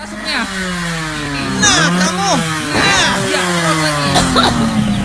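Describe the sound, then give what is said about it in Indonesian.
A motorcycle engine revs loudly and continuously, its buzzing pitch repeatedly swelling and dropping over a steady low drone, with indistinct voices mixed in. “Ya udah, mati ini tuh motor.”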